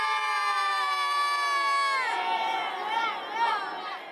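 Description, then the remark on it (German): A group of children, the winning team of a final hailed as world champions, cheers loudly, starting with a sustained high-pitched collective yell that breaks into excited overlapping shouts and whoops, rising again in a final burst. “Und ich würde sagen, die letzten Jubelworte hat jetzt hier der Weltmeister.”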